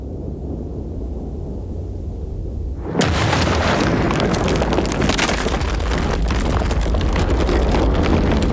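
A low rumble gives way to a sudden, massive explosion as the Central Leiyun aircraft factory, then China's most important aircraft plant, is blown up by its own builders, followed by a sustained roaring, crackling wash of noise as the blast carries on. No one speaks.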